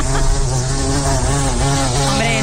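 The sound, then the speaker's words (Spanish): A blowfly buzzes steadily and loudly, its droning hum wavering slightly in pitch for a couple of seconds with no voices present. “Mosca gorda. Pues moscardón, efectivamente.”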